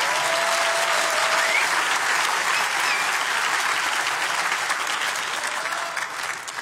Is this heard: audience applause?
yes